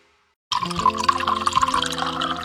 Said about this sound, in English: It's one of life's simplest comforts, turning on the tap and knowing clean, safe water is there. A glass before bed, a warm shower in the morning, water to cook, clean, and care for a loved one.